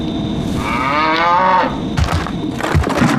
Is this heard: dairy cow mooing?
yes